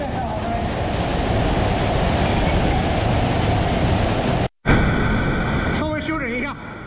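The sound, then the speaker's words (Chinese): A loud, steady roar of rushing water cascading down the steps of a 5-metre, three-tier waterfall fills the first four seconds, then cuts off briefly before the torrent resumes with a wavering tonal hum layered over it. “这5米的高度虽然规模不大，但湍急的水流跌在台阶上，跌出了3级瀑布叠水的景观。”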